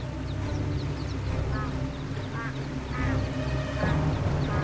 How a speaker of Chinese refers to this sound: 在波涛翻滚的河流中，小鸭子们扑腾前行。